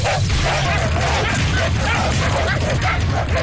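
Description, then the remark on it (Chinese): Hunting dogs bark and yip excitedly while chasing hares in a folk competition in the Shanxi Guanzhong region, overlapping in a dense, continuous, loud chorus over a noisy outdoor background with a few higher whimpering yelps mixed in. “祭狗撵兔，山西关中地区的民间竞技活动。”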